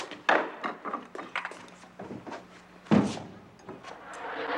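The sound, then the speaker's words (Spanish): A door being opened with wooden clunks and rattles, including two sharper knocks early and midway, followed by quieter shuffling and handling noises. “Chavo, ¿me abre la puerta, por favor?”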